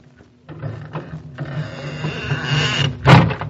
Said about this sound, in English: We ran up that ice tunnel as fast as we could go. And we opened the squeaky door.